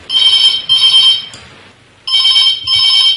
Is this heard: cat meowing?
no